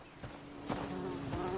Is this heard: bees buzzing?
yes